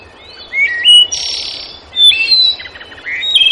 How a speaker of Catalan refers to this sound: Doncs, a veure què diu aquell pardal d'allà dalt, d'aquell arbre.